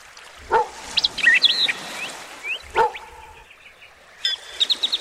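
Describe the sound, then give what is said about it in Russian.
A dog barks twice, a couple of seconds apart, each bark short, while playing with a boy on a lake shore, as birds chirp and twitter steadily in the background outdoors. “Андрей играл со своей собакой на берегу озера.”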